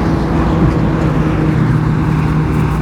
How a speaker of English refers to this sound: A loud motorbike as well about 5:30 in the morning. This traffic through the night, it's really quite chastening.